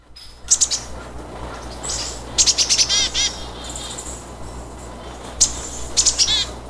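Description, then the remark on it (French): A great tit sings in short bursts of bright, high chirping notes, repeated in quick clusters with brief pauses between, over a low steady background hum and no talking. “Tendez l'oreille, voici son chant.”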